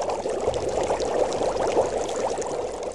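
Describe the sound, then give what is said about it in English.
Hot oil bubbles and sizzles steadily in a big pot on a fire, a dense, continuous crackling roil that stays loud for the whole stretch, with no voices. “He always kept his big pot on the fire, bubbling with oil.”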